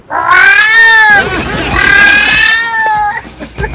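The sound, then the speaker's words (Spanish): A person's voice mimics a female cat in heat, letting out a long, loud, wavering yowl that rises and bends for several seconds, unbroken by other talk. “Mira, sí sería una gata en celo.”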